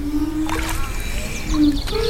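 Low, resonant ringing tones swell and fade over sloshing water, made as a musical work by ceramic pieces on the end of fishing-rod-like poles dipped in water, with faint bird chirps in the background.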